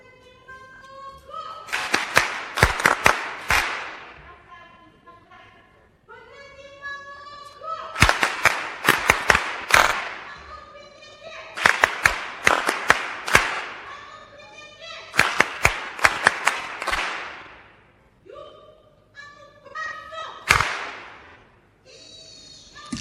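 A group claps in sharp, patterned bursts, five rhythmic rounds spaced a few seconds apart, with voices chanting or calling between the clapping sequences.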